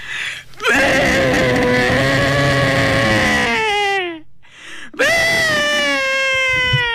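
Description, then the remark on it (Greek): A person imitates the bleat of a white sheep, a call known as the mother's cry, with two long, loud, wavering calls, the first held for several seconds and sliding down at the end, the second shorter after a brief breath. “Ο ήχος λοιπόν του λευκού προβάτου πάει κάπως έτσι.”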